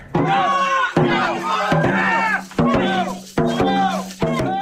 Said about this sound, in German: Am Samstag findet das größte Drachenbootrennen Mittelhessens auf der Lahn statt. Überall stehen begeisterte Zuschauerinnen und Zuschauer und feuern die verschiedenen Teams an. Das klingt dann in etwa so.